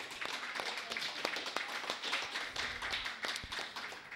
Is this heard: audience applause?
yes